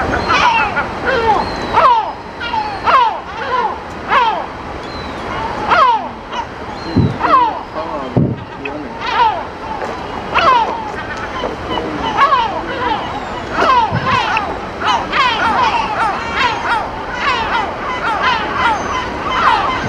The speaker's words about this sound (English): The seagull's waiting for you!